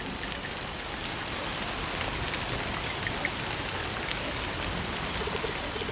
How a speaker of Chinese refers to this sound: 下雨天比我想象的要冷得多。